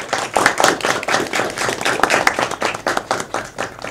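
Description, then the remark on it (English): An audience of top 20 applicants, chosen from over 1,000 applications, gives themselves a round of applause, many hands overlapping into a dense, sustained clapping that stays fairly loud and even throughout. “So let's begin with giving yourselves a huge round of applause.”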